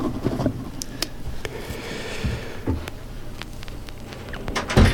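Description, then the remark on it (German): A drawer in a record shelf slides open with a rough scraping rumble, punctuated by several sharp wooden knocks and clicks, ending in a louder thump. No one speaks. “Ich habe heute mal in eine Schublade in meinem Plattenregal geöffnet, die ich sonst nicht öffne, und habe dort Singles aus den 80er Jahren hervorgekramt.”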